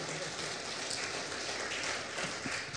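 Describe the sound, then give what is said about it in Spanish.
A church audience applauds at the preacher's call for applause, with dense, steady clapping that blends into a continuous crackling wash, holding an even loudness for about three seconds with no voices on top. “Denle un aplauso.”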